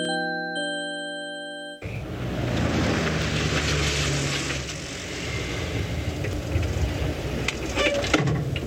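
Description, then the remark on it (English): A car engine rumbles steadily and fairly loud as the vehicle pulls up in a driveway at a house, its broad noisy drone following a brief sustained chime-like tone at the start. “He was gone a long time, and the children were anxiously waiting for him on the porch steps when his car pulled up in the driveway.”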